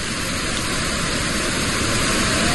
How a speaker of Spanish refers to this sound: Bad Gastein es una ciudad que parece construida en una ladera casi vertical, y por en medio pasa una enorme cascada de agua, una gigantesca cascada de agua que pasa por en medio del pueblo, que mira, así sonaba la cascada de Bad Gastein.